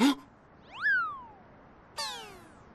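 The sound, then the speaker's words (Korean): A cat that looks like a fat stray meows twice: a drawn-out, wavering mew that rises then slowly falls, followed about a second later by a sharper, brighter meow, with no talking over them. “그냥 살찐 길냥이 같던데.”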